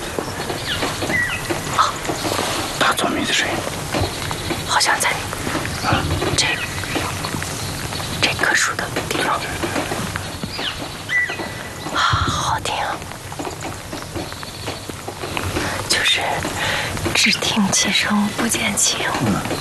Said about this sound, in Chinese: 我觉得我已经很久没有静下心来听鸟叫的声音了。 这早上一起来的话，就这个森林里头一天的话，在那些鸟的声音的话，一天的话就是。